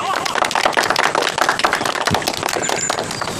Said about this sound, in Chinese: 下面我们用热烈的掌声，欢迎